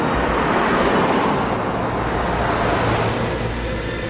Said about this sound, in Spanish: El autobús avanza junto a la autopista. Dos camionetas negras lo siguen por una calle.